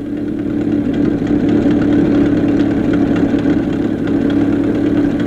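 An old taxi car engine chugs along steadily over the desert, a loud, continuous low rumble with a rough mechanical throb and faint rattling, with no voices.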